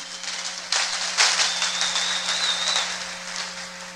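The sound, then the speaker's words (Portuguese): A crowd applauds the Lord together, a sustained wash of clapping that swells after a moment and carries on steadily to the end, with a faint hum underneath. “Vamos dar uma salva de palmas ao Senhor?”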